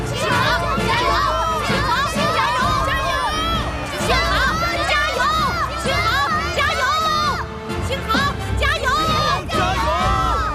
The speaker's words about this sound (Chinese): 这是全场观众都在为我加油。